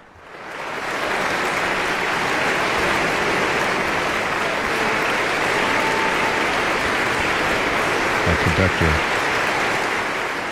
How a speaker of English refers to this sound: Our conductor has returned to wild applause and standing ovations.